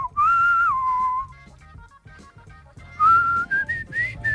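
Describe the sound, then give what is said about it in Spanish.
A person whistles a clear, wavering melody, with a short pause midway before resuming on rising notes; faint background noise sits underneath. “Oye, silbas muy bien.”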